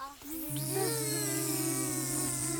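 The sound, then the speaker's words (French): Several children at a school in Saint-Julien-du-Cerf imitate a bee with a sustained, nasal buzzing hum during a lesson about small creatures. A steady low drone holds for about two seconds while higher, wavering young voices buzz along over it. “Vous me faites le bruit de l'abeille, ça fait comment?”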